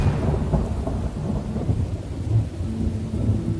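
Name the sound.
thunderstorm with heavy rain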